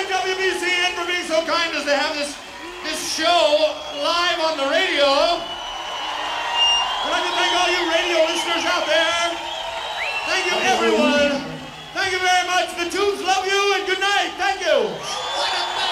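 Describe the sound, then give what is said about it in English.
A concert crowd at the Orpheum in Boston on Halloween 1981 cheers wildly, with many overlapping shouts, whoops and high yells rising and falling in a dense, continuous roar for the whole stretch. “The crowd going crazy here this Halloween 1981.”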